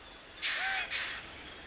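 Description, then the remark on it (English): A male Wilson's bird of paradise, brightly coloured and about the size of a sparrow, gives a loud, harsh two-part call, a rasping burst followed immediately by a shorter fading one, against a quiet forest background. “This is a Wilson's bird of paradise.”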